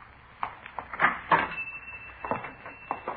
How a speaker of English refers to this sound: At 4:43 p.m., a man answering the description we'd been given unlocked the door and entered the shop.